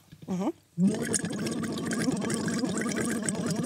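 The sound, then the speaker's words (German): A short voiced hum rises in pitch, then after a brief pause a person blows through a tube laid lightly on the tongue, making a steady burbling of air bubbling through water that runs continuously, fairly loud, with a buzzy voiced tone underneath. “Wir nehmen einfach das in den Mund, legen das ganz leicht auf die Zunge. Und blubbern da rein.”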